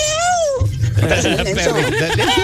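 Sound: dog barking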